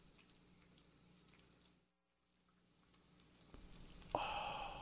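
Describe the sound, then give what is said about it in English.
Hickory smoked bacon sizzling on the WHRW grill, a steady crackling hiss that cuts out briefly, then returns and swells into a louder, sharper spitting sizzle near the end. “That's hickory smoked bacon sizzling on the WHRW grill.”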